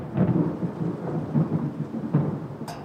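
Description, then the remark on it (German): Low, rolling thunder rumbles continuously for a few seconds, with steady rain hissing underneath and a brief sharper crackle near the end; no one speaks. It is heard during outdoor cooking in an allotment garden. “Du, wenn ich das Grollen immer so höre, ist die Angst vor dem Wetter natürlich schon relativ groß.”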